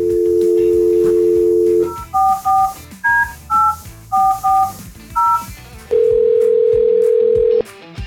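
A steady dial tone gives way to a quick run of keypad beeps as a number is punched in, followed by a single long ringback tone, all clear with no talking.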